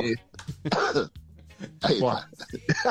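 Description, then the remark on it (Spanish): A person coughs in several short, stifled bursts, trying to hold the coughs back, with brief throaty sounds between them. “Vos sé que me da más risa el tipo tratando de ocultar la tos que tosé.”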